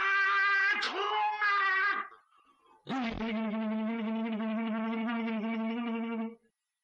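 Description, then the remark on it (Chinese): A single voice imitates the massed battle cry of 1.5 million Ming army soldiers shouting "Kill!", with two loud, drawn-out shouts. The first is shorter and breaks off, and after a brief pause a longer, sustained yell follows. “150万军兵同时大喊：“杀呀！”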